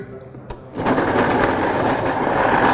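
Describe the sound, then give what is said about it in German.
A short click, then an electric kitchen mixer switches on and runs with a loud, steady, high-pitched whirring drone that continues to the end, mixing pieces of paprika into a creamy mixture. “Mitmischen.”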